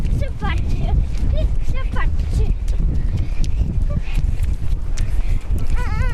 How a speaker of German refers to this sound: Das heißt, man kann hier so richtig durchs Watt barfuß rennen auch, ne? Kein Problem. Weil die Füße fielen gleich ein. Dann musst du ein bisschen rennen, das hilft. Komm, wir rennen mal kurz.